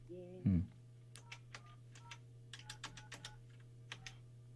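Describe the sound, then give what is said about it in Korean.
Quick, irregular presses on a telephone keypad as a number is dialed again to call a person's son, about a dozen short clicks in bursts, following a single dull thump, all over a steady low hum. “자 다시 한번 걸어봐요.”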